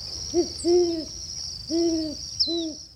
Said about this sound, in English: This has been WSHU's Birdsong Break featuring the Great Horned Owl this week.